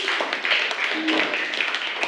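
A class applauds group 4 at the teacher's request during a lesson, with a dense, steady patter of many hands clapping at once, fairly loud and unbroken for about two seconds, the individual claps blurring into a bright wash.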